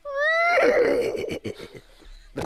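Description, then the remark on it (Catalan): A person imitates a horse's whinny: a loud, high, wavering cry that breaks into a quick series of stuttering pulses and trails off, followed by a brief breathy sound. “Un cavall?”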